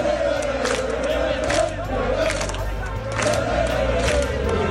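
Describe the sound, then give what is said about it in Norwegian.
Hundreds of people march down toward the royal palace in the middle of the night, chanting in unison to wake the king, many voices rising and falling together in a steady, wavering drone, with shouts and bursts of noise breaking through the continuous roar. “Vi vandret altså nedover mot slottet, og det hørte cirka sånn her ut.”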